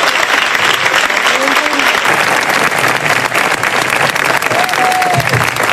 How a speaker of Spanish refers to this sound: El aplauso de Majestad del Rey, que se dirigía a Luis de la Fuente y al resto de internacionales,